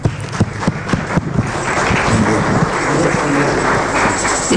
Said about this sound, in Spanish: Dale un fuerte aplauso a tu Señor, mi hermano.